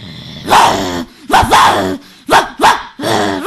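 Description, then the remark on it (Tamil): A school student doing mimicry imitates a fighting dog with about five loud, harsh growling barks in quick succession, separated by brief pauses, with no other talking. “இது பேர் சண்டை நாய்.”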